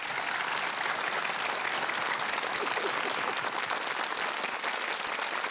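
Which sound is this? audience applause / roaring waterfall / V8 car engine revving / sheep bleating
audience applause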